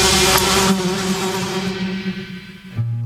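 A dense, steady buzzing of a swarm of flies in an ident for the radio programme La patria de las moscas, loud, droning continuously for about three seconds before a brief low-pitched shift at the end.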